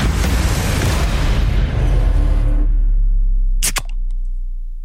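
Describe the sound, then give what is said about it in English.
A soft drink can cracks open with a single sharp pop, followed by a couple of faint clicks, after a few seconds of loud rushing hiss that fades out beforehand. “Can number two, Gary.”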